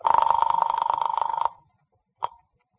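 A telephone bell rings in one rapid, trilling burst lasting about a second and a half, falls silent, then gives a single short clipped ring, on a call dialed to the office of the Kahn Detective Agency. No voices.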